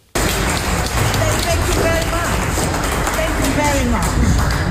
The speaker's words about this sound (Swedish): Och inför en skara applåderande deltagare så skämtade Pillay att hon kanske skulle göra som fjolårets pristagare och dela priset med president Donald Trump om det inte slutade applådera.